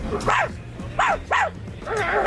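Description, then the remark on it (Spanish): A person mimics the neighbour's chihuahua, named Klotsky, with high, sharp barking: four yappy barks, the middle two in quick succession, loud, with no other talking. “Puto chihuahua de los cojones.”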